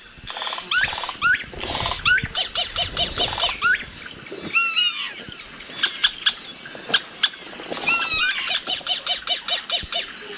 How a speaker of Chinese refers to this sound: 在同一地区还有黄腰酋长狸，它们的音域很广，它可以模仿其他动物，比如猴子、角雕，甚至是人造的声音。